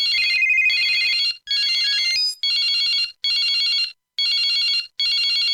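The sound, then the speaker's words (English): A loud electronic telephone ring trills in about six short bursts separated by brief pauses, with a warbling pitch change early on, and no voices. “CFCR 90.5 FM, it's the ringing in your head that you can't answer.”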